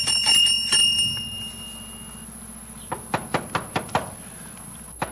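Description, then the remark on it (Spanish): A rapid series of about six sharp knocks on a door, evenly spaced, following a brief ringing chime at the start over a low background hum. “Ángela, Larisa, abre la puerta.”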